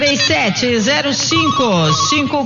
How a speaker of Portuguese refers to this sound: Pega o telefone, 19. Tá tocando lá, olha.